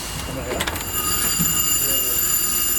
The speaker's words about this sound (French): C'est coincé. Attends, il y a la sonnerie qui s'est coincée.